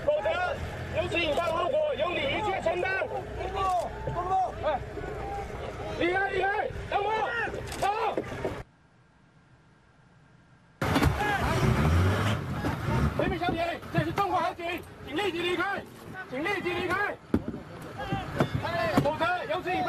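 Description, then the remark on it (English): Two rubber boats from a grounded Philippine warship rapidly approach a Chinese patrol boat on open water near Ren'aijiao. Their engines and splashing blend with several people shouting and talking. A brief quiet gap interrupts the steady noise, then the loud boat and voice commotion resumes. “China says two rubber boats from that illegally grounded Philippine warship rapidly approached their patrol boat.”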